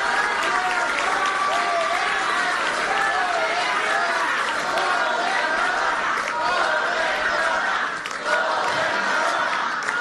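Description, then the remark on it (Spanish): A crowd applauds the governor steadily for the full ten seconds, a dense, even wash of clapping mixed with cheering and shouting voices that stays loud throughout, dipping briefly near the end. “Y entonces hay que darle otro aplauso a la gobernadora porque mucho se debe a su trabajo, a su liderazgo.”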